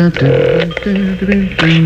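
A phone number being dialed to call the caller's mother for Mother's Day: a quick run of about five steady electronic keypad tones, each held briefly with short gaps between them, fairly loud.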